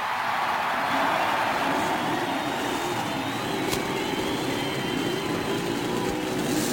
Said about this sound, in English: As a cheer goes up and you can hear the cackle of the Cosworth racing engine. Several Buicks sound out their roar, and that Chevrolet, that brand new Chevrolet racing engine, roars